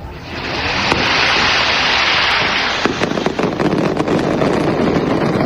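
A loud, sustained roar of fireworks from the firing of the Gran Palmera at the traditional Lid del Alba in Elche, then rapid, irregular crackling bangs of carretillas (firecrackers) in the firecracker battle that followed, with no talking.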